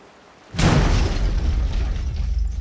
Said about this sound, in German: Na, das ist ja mal eine Begrüßung. Eine Explosion.